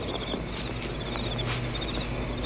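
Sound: crickets chirping at night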